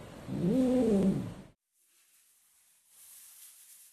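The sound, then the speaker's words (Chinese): A rescued male kitten named Miaomiao, weak, hungry and malnourished, lets out one drawn-out, wavering meow, fairly loud, lasting over a second, followed by near silence with only a faint hiss of background noise. “由于与母亲走散，长时间饥饿，喵喵被救助时身体十分虚弱，状态低迷。”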